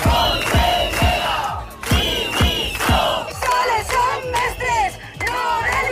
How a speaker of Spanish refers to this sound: Estos son los gritos de los docentes que secundaban las protestas desde el exterior. La policía ha tratado de desalojarlos.